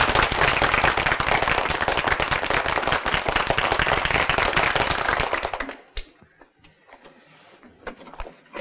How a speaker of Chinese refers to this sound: 现在就请萧先生来给你们上课，拍手。